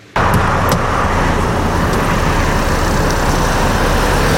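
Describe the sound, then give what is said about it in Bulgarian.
An unmarked police car drives steadily through road traffic near Sliven, Bulgaria, its engine and tyre noise forming a continuous loud rumble after an abrupt start, with faint whooshes of other vehicles passing. “Смесват се с трафика и при първия шофьор с превишена скорост пускат сирени и слагат симбуркан.”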